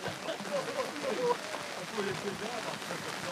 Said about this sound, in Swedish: Oj, bara regnar.